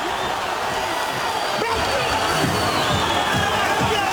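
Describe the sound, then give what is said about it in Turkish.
A large arena crowd at a boxing match between Povetkin and Rudenko, risen to its feet, roars and cheers continuously, a dense, loud wall of voices with no pauses, punctuated by a few sharp thuds and shouts rising out of the din. “Seyirciler ayağa kalktı.”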